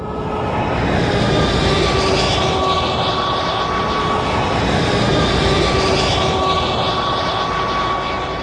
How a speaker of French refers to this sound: Le camion passe la frontière bulgare, sans le moindre contrôle, en tout cas pour l'instant. Maintenant, entrez sur l'autoroute.